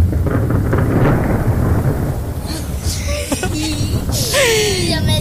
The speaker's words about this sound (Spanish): Y luego cayó un rayo de la tormenta eléctrica.